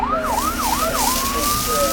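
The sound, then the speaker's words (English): A fire engine siren wails loudly, sweeping up and down in three quick cycles before settling into a long, steadily rising tone over a low background rumble. “Sometimes firefighting sounds like this.”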